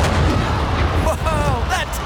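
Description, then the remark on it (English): A loud, booming cannon blast shoots a human cannonball 75 feet into the air, opening with a deep, rolling rumble that carries on for a couple of seconds, as excited voices shout and whoop over the fading roar. “A human shot out of a cannon 75 feet into the air with nothing but pure pizzazz.”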